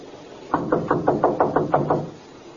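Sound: knocking on a door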